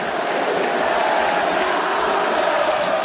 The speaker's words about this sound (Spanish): Y los hinchas, con su grito estentorio también, le ratifican el respaldo y la confianza a Fernando Mulera.